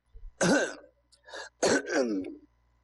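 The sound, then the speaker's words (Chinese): An old man clears his throat in two loud, rasping bursts with a brief pause between, performed by a voice imitating an old man's throat clearing; nothing else is heard. “老头咳嗽一声”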